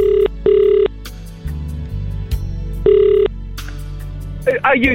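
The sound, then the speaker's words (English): A telephone ringback tone sounds down the line while a contest winner is being called: two quick buzzing rings, a pause, then another ring, clear and fairly loud over a low steady background bed. “Let's see if we can get the winner on the phone.”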